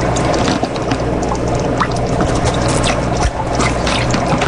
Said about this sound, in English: Step two, use turkey baster to remove approximately 30 milliliters of shrimp water solution from water chamber. Okay, so I'm going to get them in my turkey baster.